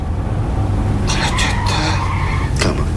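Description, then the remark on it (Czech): A car engine rumbles steadily and stalls, then tires squeal in several harsh bursts as the vehicle brakes and comes to a stop, with one last short screech near the end. Nobody speaks. “Mám asi něco s motorem.”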